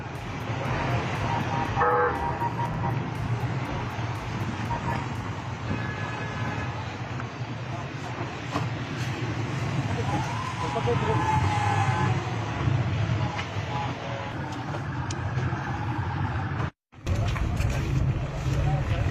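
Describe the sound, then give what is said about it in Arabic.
The motorcade of cars of the Minister of Local Administration and Environment, Mohammad Anjrani, rolls past during his tour in Daraa, with horns honking in repeated toots over a steady, loud rumble of engines and traffic, with some voices mixed into the noise. “وهذه مشاهد الموكب الذي أثار الجدل، إذ رصد مواطنون سيارات وزير الإدارة المحلية والبيئة محمد عنجراني خلال جولته في درعا.”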